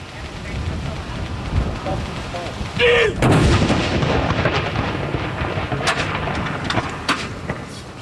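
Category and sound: impact, ceremonial cannon salute shot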